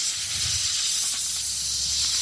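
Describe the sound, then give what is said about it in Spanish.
A snake's steady, breathy hiss, loud, holding unbroken for a couple of seconds with a faint low rumble underneath and no voices. “No es el silbido de una serpiente.”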